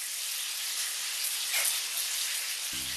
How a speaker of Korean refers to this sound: 근데 항상 이거 잘해요. 도리뱅뱅은 잘해요. 갓 잡은 물고기를 바삭하게 튀기고